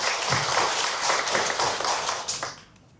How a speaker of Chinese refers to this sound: 张志学老师，玉屏箫笛制作技艺市级非遗传承人，凤来仪箫笛创始人，掌声欢迎张志学老师。